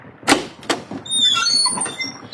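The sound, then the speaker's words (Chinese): Late at night, Poirot knocks twice quickly and sharply on a cabin door, followed by the cabin door creaking open with a drawn-out, high whining squeak. “那天晚上很晚的时候，波罗敲了敲某个仓房的门，一个声音说， 进来。”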